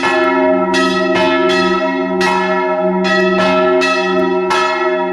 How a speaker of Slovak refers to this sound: Mali sme možnosť počuť zvony z tunajšej zvonice a my sa práve nachádzame už aj priamo pri nich